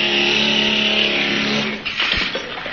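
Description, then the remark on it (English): A powerful drill boring through the last section of a shaft runs with a loud, steady, droning motor whine, then turns rough and grinding as it bites through and breaks through in the final second. No voices. “Well, I suppose we better get the drill going through this last section.”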